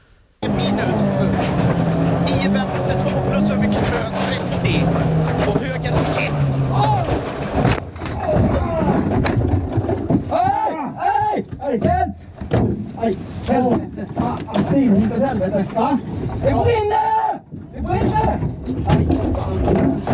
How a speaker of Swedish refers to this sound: Jag tänkte att vi skulle ta och lyssna på den där gången när du kör rakt in i ett träd.